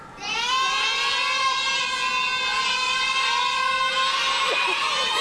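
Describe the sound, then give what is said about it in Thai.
A cheering section at a spelling game show chants the number seven together in unison, drawing the call out into one long, loud, sustained shout that holds steady for several seconds without a break. “หมายเลข7โอ้โหกองเชียร์ประสานเสียงกันมาเหมือนนัดกันมากเลยเลขพร้อมเพรียงกันมากเลยค่ะ”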